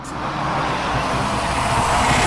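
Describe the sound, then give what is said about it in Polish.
An AI-generated sound of an approaching car, the first of five versions generated at speed 65: the engine and tire rumble hold as a steady, broad roar that swells slightly as the vehicle draws closer. No voices are heard. “Jest generowanych 5 różnych wersji, więc to jest wersja pierwsza tego przyjeżdżającego samochodu.”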